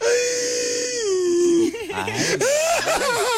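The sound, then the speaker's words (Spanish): A voice imitates a foot whimpering and crying: a long, drawn-out wail that sags in pitch, then breaks into wobbly, sobbing whimpers, with no other talking. “¿Así llora un pie? Sí, así lloran los pies”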